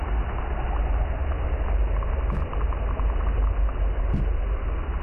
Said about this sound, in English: Probably one of the most prolific sounds I hear is probably ship or boat noise all the time, all the time.